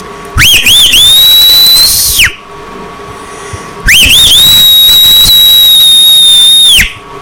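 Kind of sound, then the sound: human body sound, a person whistling loudly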